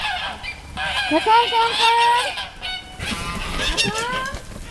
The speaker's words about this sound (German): Und man hört es auf dem Wintringer Hof, ist wirklich immer was los. Wir sind bei den Gänsen. Seit einiger Zeit leben rund 50 Gänse auch auf dem Wintringer Hof